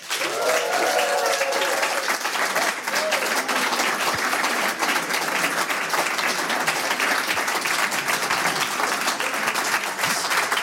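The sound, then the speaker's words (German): Loud, sustained applause from a large audience welcoming a guest fills the whole stretch, a dense steady wash of clapping with a few faint cheers or whistles near the start. “Bitte begrüßen Sie mit einem frenetischen, tosenden Applaus.”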